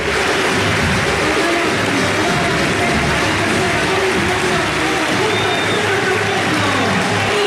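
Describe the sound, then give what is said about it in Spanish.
A loud, steady roar of a football crowd in Asunción cheering and applauding fills the whole stretch without letup, an ovation as number 10 Cecilio Domínguez is substituted off for Fabricio Peralta; a dense wash of voices and clapping with no single voice standing out. “Y prepárense para la ovación.”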